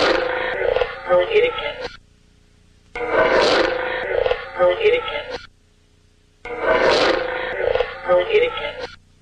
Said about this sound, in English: But you'll hear a growling and then a woman's voice directly after. A growling? Yes. And the growling is anomalous. It is an EVP. It was. It, we didn't hear it at the time.